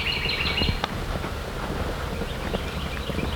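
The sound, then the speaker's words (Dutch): A bird sings a short, high whistling phrase at the start, fairly faint, in the middle of an open field, over steady outdoor wind rumble with soft footstep-like thuds. “Wat is dit voor een vogel? Ik weet niet wat een vogel. Nee, hey, fluit zo mooi.”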